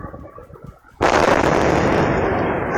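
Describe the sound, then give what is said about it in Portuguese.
After a second of low background noise, a sudden loud gas explosion bursts in, followed by a sustained, heavy roar that holds steady until the end, recorded by a building's internal security camera system in the West Zone of São Paulo, Brazil, around 4 p.m. “E aí a explosão por gás, depois cachorro latindo, enfim, não dá pra ver nada na imagem que o ouvinte mostra, é só mesmo o circuito interno ali monitorando o que parece ser uma varanda, um terraço ali na parte de cima, mas o barulho é muito forte.”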